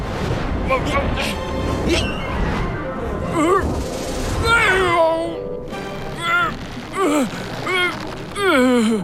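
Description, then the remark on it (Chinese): A cat meows and growls in a string of drawn-out, rising and falling cries, loud, over a busy background of other sounds, with several bursts toward the end. “小猫咪，我来了。”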